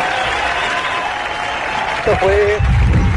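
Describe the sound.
An audience applauds steadily, a dense wash of clapping that keeps an even level throughout, with a short voice-like tone and some low rumble breaking through near the end.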